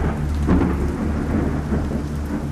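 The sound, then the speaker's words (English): A summer night thunderstorm in Central Florida in July 1957, with steady, heavy rain hissing throughout and a deep, rolling rumble of thunder underneath, fairly loud, with no voices. “Thunderstorms would roll in. You could set your watch by it. And that's exactly what happened.”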